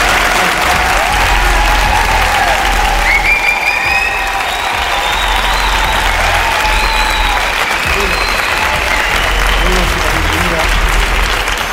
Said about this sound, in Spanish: Estamos hoy desde el Palacio de Congresos de Albacete. Que se sienta la fuerza de este lugar donde estamos. Un fuerte aplauso para que nos escuchen.